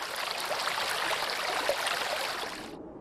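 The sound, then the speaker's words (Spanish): A mountain torrent at Isaba, where three torrents join to form the Esca river, rushes steadily, a dense, continuous hiss of flowing water with no voices, holding an even loudness before cutting off abruptly just before the end. “En Isaba confluyen tres torrentes que se unen para formar el caudal del río Esca, principal cuenca de la zona.”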